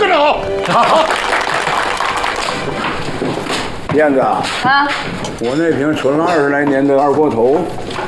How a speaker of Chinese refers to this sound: 大家鼓掌。